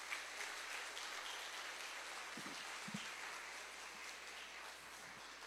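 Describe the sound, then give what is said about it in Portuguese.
A church audience applauds to welcome a visiting guest, a steady, dense wash of clapping that holds at an even, fairly soft level for about five seconds, with no voices over it. “Vamos receber o irmão Castor com um lindo aplauso.”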